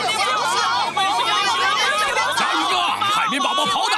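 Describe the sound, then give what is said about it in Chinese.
A dense, loud crowd shouts and clamors continuously, many overlapping voices forming an agitated roar of a rioting mob nearly tearing apart the Krusty Krab restaurant in Bikini Bottom at night, with no single voice standing out for the full four seconds. “蟹堡王餐厅已经快要被一群暴徒给拆了。”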